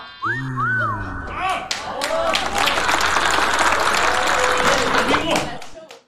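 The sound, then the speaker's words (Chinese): A Tianjin audience bursts into steady applause that lasts several seconds, with a couple of rising whistles and cheers at the start before dense clapping fills the rest and fades at the end. “这诗的题目，您各位听完了都得给我鼓掌。”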